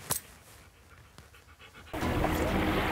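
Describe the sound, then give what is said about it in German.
A dog named Juri pants in quick, rhythmic breaths, and a loud steady rush of noise cuts in partway through and drowns it out. “Was für ein toller Hund.”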